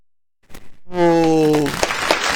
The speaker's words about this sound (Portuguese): Nossa arquibancada lotada aplaudindo vocês.